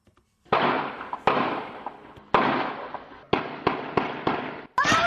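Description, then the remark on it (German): Gunshots from rival gangs shooting it out on an open street in Hanover Park, in the Cape Flats townships of Cape Town, crack out in an irregular volley, about eight sharp, loud bangs, each trailing off in a rough rumbling decay before the next shot hits. “Auf offener Straße liefern sich rivalisierende Banden eine wilde Schießerei.”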